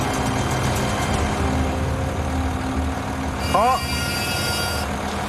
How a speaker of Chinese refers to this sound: 13.5吨的挖掘机现在履带再一次踏到了上一级台阶的平面之上